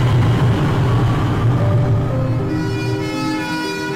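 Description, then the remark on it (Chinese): The last train of subway Line 4, at 22:45, runs with a loud, steady low rumble, and a rising electric motor whine emerges partway through as it picks up speed. No voices are heard. “22:45，地铁四号线的最后一班，这是李师傅做地铁司机的第15年，这是他开的第768趟末班车。”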